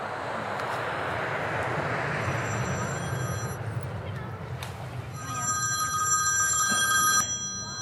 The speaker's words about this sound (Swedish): Okej. Nu ringer hon på flygplatsen.